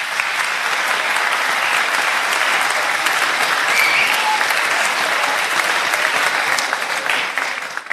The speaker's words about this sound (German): Wer ist von euch zum ersten Mal beim Jugendtreffen? Ja, gern aufstehen. Wir heißen euch herzlich willkommen, alle anderen, mit einem großen Applaus. Schön, dass ihr da seid.